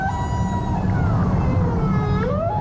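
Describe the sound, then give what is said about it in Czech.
A herd of rorqual whales, including mothers with calves, swimming past, call together in long, wavering tonal moans that glide up and down and overlap, over a deep, constant underwater rumble, with no voices present. “Na druhý den ji probudilo stádo velryb, které proplouvalo kolem.”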